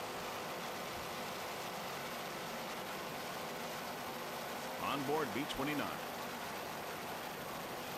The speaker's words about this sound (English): Listen to those Carolina racing engines.